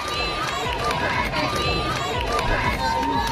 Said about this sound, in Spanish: Son los gritos que le han acompañado desde su llegada ayer a Madrid, hoy con mucho más calor para los que llevan desde primerísima hora de la mañana en la calle.